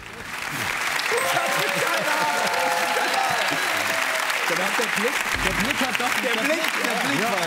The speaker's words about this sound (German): Die ersten 500 Euro, dieser Applaus ist sehr von Erleichterung getrieben.